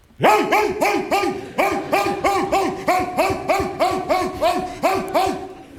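A trained dog barks loudly and insistently, firing off a rapid, steady run of about a dozen sharp barks with no pauses and no one talking.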